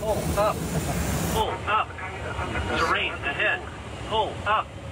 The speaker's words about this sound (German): Durch Eingriffe vom Boden. Fachleute nennen das Jamming. Die Folge? Die Position lässt sich nicht mehr bestimmen. Manche Störungen sorgen in den Cockpits sogar für Falschalarme wie solche.